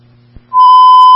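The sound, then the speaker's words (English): A steady, loud electronic tone around one pitch sounds abruptly after a brief low hum and click, holding continuously: Monument Fire dispatch alert tones, paged at 15:38, sending unit 513 to a residential fire alarm on Heather Downs. “Tones and pages at 1538.”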